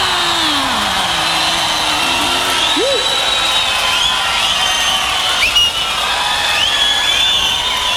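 An audience applauds in a steady, dense wash of clapping that holds at the same loudness throughout, with cheering and a few high whistle-like tones over it.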